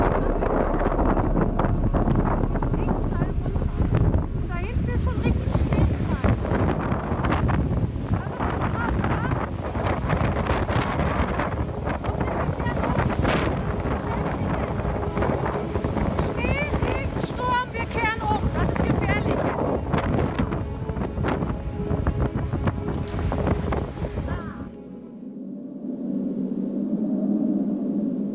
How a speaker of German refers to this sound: Und wir auf dem Höhenweg sind plötzlich mittendrin. So, da schon. So ein Sturm, dass hier die Hülle vom Bären weg ist.